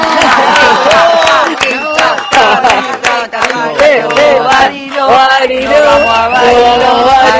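An audience applauds loudly with sharp, steady clapping, mixed with whoops and cheering voices, continuing for several seconds without letting up.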